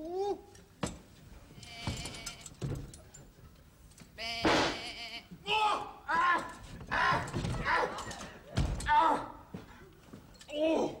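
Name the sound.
sheep bleating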